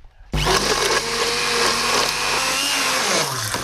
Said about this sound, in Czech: No a na závěr tu omáčku potom propasírujeme nebo rozmixujeme ponorným mixérem. Já bych ji teď rozbil.